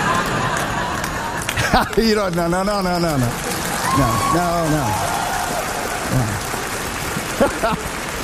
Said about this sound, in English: Thank you for that smattering of applause there.